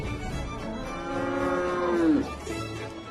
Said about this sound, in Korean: 와, 저기 새끼 송아지도 있어요. 이 소는 우리나라 황소하고 많이 닮았어요.